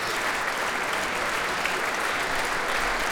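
Sustained applause and cheering from a large concert audience in Berwaldhallen in Stockholm, for the orchestra and conductor Emilia Hoving after Camille Saint-Saëns' third symphony, a steady, dense wash of clapping at even loudness throughout, with no voices standing out.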